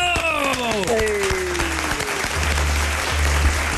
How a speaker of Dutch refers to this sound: En aan de telefoon, dames en heren, geef me een heel groot applaus.